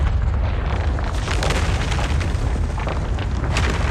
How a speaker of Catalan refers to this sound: Hi ha hagut una esllavissada de roques a l'interior de la mina i el pitjor de tot és que això ha alliberat una gran quantitat de gas altament inflamable.